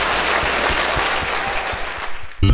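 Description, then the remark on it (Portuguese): An audience applauds loudly and steadily for Jesus after a woman's healing testimony at a faith service broadcast on Rede Nação FM radio: a dense wash of many hands clapping with no voices on top, ending abruptly at the close. “Gente, aplauda bem forte, Jesus.”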